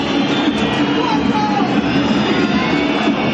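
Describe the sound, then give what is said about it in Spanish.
A large football stadium crowd whistles, jeers and insults Racing, last in its zone and in the championship, after Atlético Tucumán's win, in a steady, loud wash of noise, with shrill whistles cutting through the dense roar of voices throughout. “Los silbidos y los insultos para Racing, último en su zona, último en el campeonato.”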